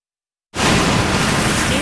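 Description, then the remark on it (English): After a brief silence, a loud ocean wave crashes in suddenly, becoming a steady, full-bodied roar of churning surf that carries on without letup. No voices. “Ocean, sea, or raging water, I'm reminded that God is already speaking to us, to me.”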